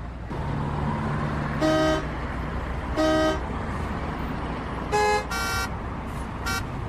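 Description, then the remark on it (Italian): Busy street traffic in New York rumbles steadily while car horns honk in short bursts, a few separate toots followed by a quick cluster of overlapping honks near the end. “Mi ritrovavo in mezzo al traffico della Grande Mela, con il suo continuo movimento, il suo perenne inarrestarsi, i suoi clacson a tutte le ore.”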